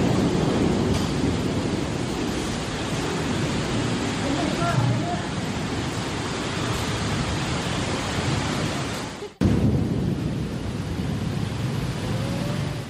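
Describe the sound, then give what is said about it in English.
Torrential rain pours down in a dense, steady roar with powerful wind gusts during a violent afternoon thunderstorm sweeping across the northern part of a city, loud, briefly cutting out near the end before the downpour resumes. “On the afternoon of October 1st, at around 4 p.m., a violent thunderstorm swept across the northern part of the city, bringing torrential rain, powerful wind gusts, and a burst of ice that clattered onto rooftops, cars, and sidewalks.”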